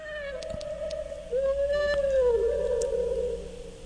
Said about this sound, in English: That was a whale echoing. Nope. What was it? An owl.